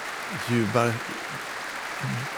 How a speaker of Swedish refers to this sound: Nu är hon inne på scenen igen. Hon vänder sig om mot orkestern och applåderar dem också.